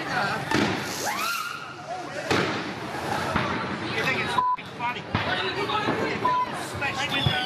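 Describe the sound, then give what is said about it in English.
Sharp firework bangs and crackles burst repeatedly through a loud, busy crowd, with whistling rockets rising and people chattering and shouting all around, as people set off fireworks on Territory Day (Cracker Night) in Darwin, Northern Territory, Australia. “The one day of the year where, if you're over 18, you can buy fireworks and let them off.”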